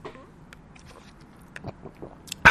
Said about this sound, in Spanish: Con todo desparpajo voy a seguir sorbiendo mi mate porque estamos entre amigos, ¿verdad?